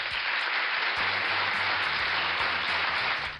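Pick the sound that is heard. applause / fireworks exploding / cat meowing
applause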